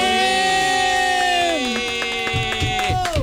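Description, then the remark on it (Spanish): A crowd cheers with loud sustained whoops and shouts as a guest is welcomed onto a show, then scattered clapping breaks in and builds alongside the voices, lively throughout. “Por favor, fuerte el aplauso”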